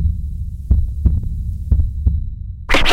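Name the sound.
heartbeat sound effect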